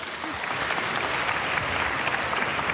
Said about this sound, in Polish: Dla Oli brawa poproszę.